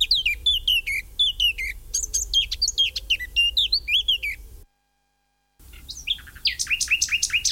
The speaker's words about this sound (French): Par contre, le numéro 9 est migrateur, c'est le rossignol philomèle. Le rossignol, lui, est arrivé d'Afrique début avril et il repartira fin août. Et lui, vraiment un chanteur extraordinaire, lui aussi.